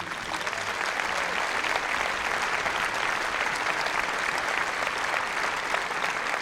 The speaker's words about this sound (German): Also an dieser Stelle geht schon mal ein großes Dankeschön an die vielen Menschen auf und hinter der Bühne, die diesen Abend hier möglich machen. Ich bitte Sie um einen Applaus.